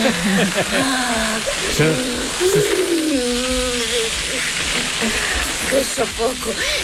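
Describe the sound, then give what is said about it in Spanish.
A steady, loud hiss of water spraying from a hose runs throughout, crackling like oil in a deep fryer, while voices call out over it; a scene from the film La Ley del Deseo in which Carmen Maura is hosed down with water. “Soy el único que escucha una freidora en lugar de una manguera.”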